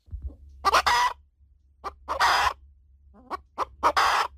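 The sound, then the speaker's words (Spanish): Hens returning to the henhouse door in the afternoon cluck in three short, raspy bursts, each led by a few quick soft notes, with a low steady hum underneath and no voices. “Por la tarde, las gallinas volvían a la puerta del gallinero para encerrarse, y entonces se les echaba cebada o maíz, y ya con el buche lleno se iban derechitas a la cama.”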